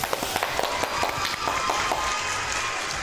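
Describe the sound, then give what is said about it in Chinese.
Warm applause from a studio audience welcoming a company manager onto the stage, a dense, steady wash of many hands clapping at once that holds at an even, fairly loud level for about three seconds, with no voices over it. “好嘞，那让我们用热烈的掌声来欢迎王经理上场。”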